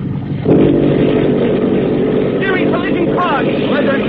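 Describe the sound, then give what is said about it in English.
Motorboat engines, with the mufflers opened, surge into a loud roar after a brief lower rumble, then hold a heavy, throbbing drone as the boat accelerates hard through the water. “Now the Prep Joe opens up and leaps through the water like a scared minnow.”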